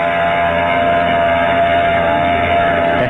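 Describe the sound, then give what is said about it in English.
A large ship's engines rumble in a steady, loud drone with a faint humming tone on top, a continuous churning noise as the ship Brisbane Star pulls away from its pier at the Embarcadero shortly before 12. “She's pulling out all right, baby.”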